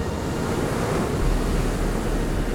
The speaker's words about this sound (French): C'est bon. C'est bien le clapotis de l'Ouest.